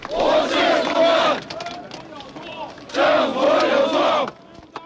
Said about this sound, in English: Students and workers in the world's largest square in defiance of government plans to seal off the area for Hu's official funeral, shouting down with dictatorship.